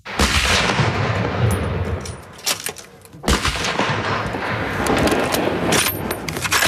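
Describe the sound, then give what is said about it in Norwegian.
Several loud, sharp rifle shots crack out at irregular intervals at the Kråkenesmarka shooting range outside Førde, Norway, where many hunters are sighting in their weapons before the hunting season opens. Each blast leaves a long, rumbling echo that fills the gaps between shots. “På Kråkenesmarka skytebane utenfor Førde det mange på standplass for å skyte inn våpnene sine før sesongåpning.”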